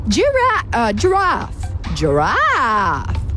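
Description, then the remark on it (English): A person imitates a giraffe with a few drawn-out, wavering vocal groans that swoop up and down in pitch, fairly loud, with a longer rising-and-falling hum at the end. “Do the giraffe.”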